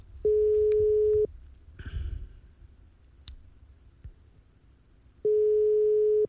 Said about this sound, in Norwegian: Her kommer siste kasinodeltaker for denne gang. Og det ringer, og hvem i andre enn nå, tror jeg?